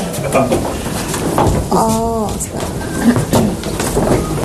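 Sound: pigeons cooing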